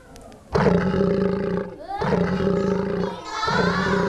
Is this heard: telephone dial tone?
no